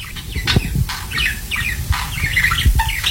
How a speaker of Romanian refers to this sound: E un papagal, extrage cu ciol cu planetele.